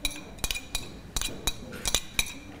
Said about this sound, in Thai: นี่ค่ะคุณครูก็จะไปทิ้งโดยที่จะเกลี่ยเศษอาหารนะคะใส่ถังขยะตรงนี้ถังขยะนะถังขยะของจริงเลยนะเกลี่ยใส่ถังขยะ